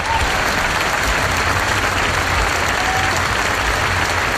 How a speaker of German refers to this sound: Ein grosser Applaus allen miteinander.